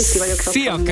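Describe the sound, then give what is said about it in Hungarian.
Food sizzles in a pan with a steady, bright hiss that fills the background, while a person speaks briefly over it; the person is cooking pork tenderloin and beetroot risotto. “Igen, éppen fölzök, bocsánat, és nehéz volt fel.”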